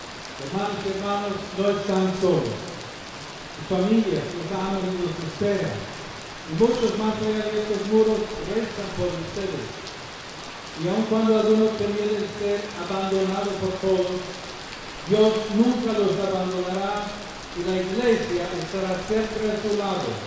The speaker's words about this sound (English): Referring to the rain that came down heavily during the meeting, the Pope told those present that, in some places, it is a blessing from God.